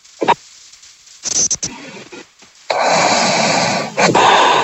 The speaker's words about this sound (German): Die ist gar nicht mehr da. Hat die gerade geschnarcht? Ich glaube, die ist eingepennt.